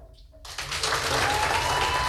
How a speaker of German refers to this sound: Wie klang nochmal so ein 8-Punkte-Applaus?